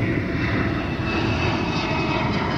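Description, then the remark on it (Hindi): The engine of a J-20, China's fifth-generation stealth fighter jet, roars in a steady, loud, continuous rumble with a broad hiss on top, holding even throughout with no voices. “J-20 चीन का पांचवी पीढ़ी का स्टेल्थ फाइटर जेट है जिसे रडार पर पकड़ना बेहद मुश्किल माना जाता है।”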